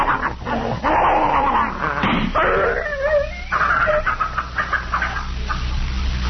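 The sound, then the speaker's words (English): A poisoned dog named Tiger struggles while being held and given vinegar, snarling, growling, whining and trying to bite in agitated bursts that run continuously for several seconds, loud and frantic with no one speaking. “I gotta let him go. He's trying to bite me.”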